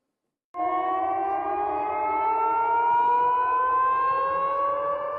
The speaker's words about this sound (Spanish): En Belgorod, las sirenas antiaéreas se han vuelto tan familiares como las campanas de las iglesias.